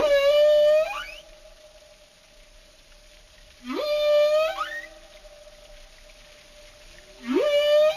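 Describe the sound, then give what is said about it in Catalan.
Three tonal marine animal whistles, each sweeping sharply upward and then holding a steady, harmonic-rich pitch, recur every few seconds. Softer sustained tone and faint hiss fill the gaps. “i els han comparat i hi ha diferències significatives entre xiulos de cada localitat.”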